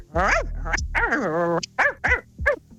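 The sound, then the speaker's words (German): A person imitates a dog with a run of yelping, whining barks, about five bursts, the first ones drawn out and the later ones short and sharp, loud. “Den Hund kannst du auch noch. Ja, na komm, mach den Hund noch.”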